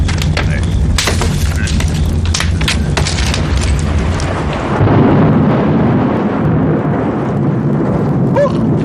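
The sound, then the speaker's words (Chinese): A loud thunderclap cracks sharply, then rolls into a heavy, sustained rumble that stays strong for several seconds, as rain is about to fall. “怎么回事？这么大的雷啊，吓我一跳。要下雨了。”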